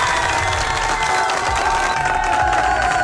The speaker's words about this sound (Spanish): ¡Fuerte los aplausos!